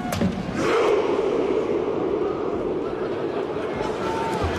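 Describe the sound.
A huge crowd of football fans in the stands, with players on the pitch, roars out a chanted Viking rowing battle cry while making rowing motions, a dense, loud wall of voices that holds steady for several seconds, with a few dull thumps breaking through.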